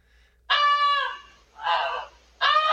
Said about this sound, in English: Goosey's the goose's name. Started honking really loudly.